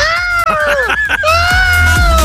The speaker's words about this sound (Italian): Niente, come Punta Marina, paesino invaso dai pavoni, come abbiamo sentito prima.